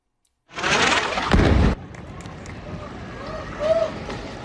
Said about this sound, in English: A major explosion rocked Gaza City on Tuesday. Have a look.